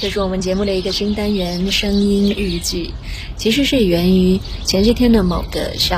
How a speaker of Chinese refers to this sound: 有没有听到小鸟的叫声？我正在这个下班回家的路上，一边走呢就觉得沿路听到的都是鸟叫，我想春天应该真的是来了。